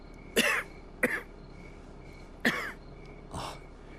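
Four harsh coughs from one person, spaced unevenly over a few seconds, close and fairly loud with brief raspy tails, the last one weaker and more throaty.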